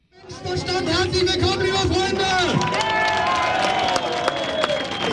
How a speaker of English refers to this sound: Crowd cheers at an Alternative for Deutschland rally in the town of Querfurt. It's here in the region of Saxony-Anhalt that the far-right party is aiming to take power at a state level for the very first time.